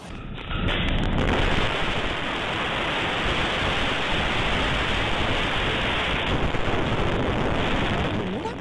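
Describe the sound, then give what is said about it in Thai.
A powerful gusty storm wind roars in after a brief quiet start, a dense, loud, continuous rush of noise with gusty surges that stays strong through to the end, in Rangsit, Thanyaburi district, Pathum Thani, Thailand, bringing down a large steel-framed billboard on a three-storey shophouse rooftop. “นี่คือลมกันโชกแรงนะคุณผู้ชมนะแล้วกล้องวงจรปิดจับภาพนะคะป้ายโฆษณาโครงเหล็กบนดาดฟ้าตึกแถว3ชั้นที่ซอยรังสิตปทุมธานี27อำเภอธัญบุรีอ่ะ”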